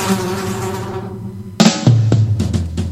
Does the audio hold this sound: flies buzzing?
yes